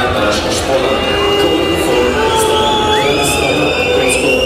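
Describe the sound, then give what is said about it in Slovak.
A dense crowd of home fans at a 12,000-seat football stadium roars and cheers continuously, with scattered whistles and shouts rising above the steady wall of voices, loud throughout. “Domáci priaznivci vytvorili na 12-tisícovom štadióne z Dežele pekelnú atmosféru, ale už v 18.”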